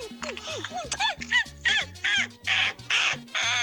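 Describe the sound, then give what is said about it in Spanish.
A person imitates a monkey as an entry in an animal-sound imitation contest, with a rapid series of loud, harsh, pitch-bending yelps and hoots, speeding into a rough chattering screech. “Buenas noches, el sonido del mono es...”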